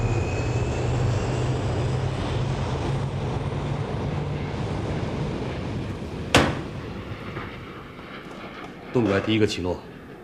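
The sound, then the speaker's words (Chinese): A loud, steady roar of an airplane engine with a low droning hum. A sharp click cuts through partway, and a brief muffled voice rises near the end. “放飞这架飞机，你到底有没有把握？”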